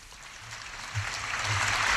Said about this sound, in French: Et accueilli par les applaudissements.